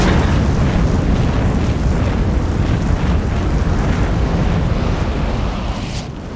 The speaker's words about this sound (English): The arrow activates 2 large jets of fire, which incinerate the street below. A truck explodes in flames and makes the squad jump back.